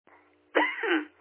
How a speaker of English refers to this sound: Hold on 1 second. Okay. Almost coughed up my coffee. Just a little bit of a sore throat today.